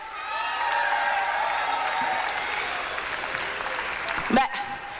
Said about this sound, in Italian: Ed è una figata, facciamo un applauso a questa comunità incredibile. Un applauso a Radio Onda d'Urto.